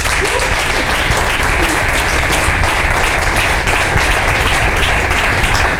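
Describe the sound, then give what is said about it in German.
Steady, dense applause from an audience, a continuous wash of many hands clapping at an even loudness for several seconds with no voices over it. “Großen Applaus schon mal für die Gerti.”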